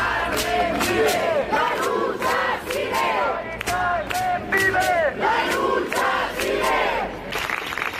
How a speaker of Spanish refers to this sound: En la Puerta del Sol, los acampados han guardado un minuto de silencio que ha terminado con un aplauso general